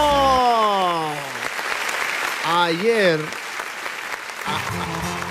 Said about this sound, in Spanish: Señoras y señores, regresamos al Chido Show. Oigan, ayer. ¡Fuerte el aplauso! ¡Fuerte el aplauso!